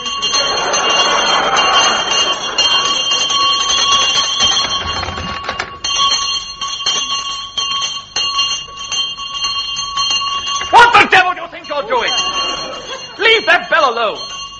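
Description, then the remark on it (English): A loud house bell, rung by pulling a cord in a big house, rings continuously, its bright metallic tones sustained, then breaks off; afterward voices speak over faint lingering ringing. “Oh, it's loud, all right. Well, I mean, you need a loud bell in a big house like this.”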